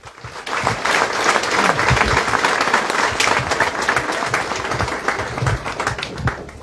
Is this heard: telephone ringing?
no